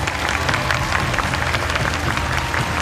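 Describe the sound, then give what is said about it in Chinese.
A crowd applauds steadily to welcome the show's guest commentator, a professor from the School of Liberal Arts at Nanjing Normal University. It is a dense wash of many hands clapping at an even, fairly loud level without a break, and no voices stand out over it. “接下来请大家响起热情的掌声，让我们欢迎本场节目的点评嘉宾，他们是南京师范大学文学院教授”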